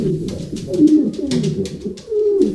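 Several pigeons coo in low, throaty bursts that overlap and repeat steadily, with a soft rustling or fluttering texture around them.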